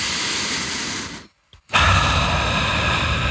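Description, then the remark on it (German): A deep, drawn-out, airy breath pulled in through the nose to smell the scent of rain on dry ground (petrichor). A brief silent pause breaks it before the rushing inhale resumes and fills the rest of the moment. No talking. “Und zwar atmet mal ganz tief ein.”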